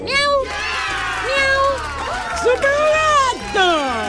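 A cat meows over and over, five or six drawn-out, rising-and-falling cries in quick succession, loud, with a steady low rhythmic thumping underneath.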